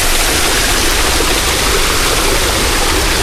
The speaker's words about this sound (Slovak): Samozrejme, že v letných mesiacoch fontána naplno pracuje a chrlí vodu.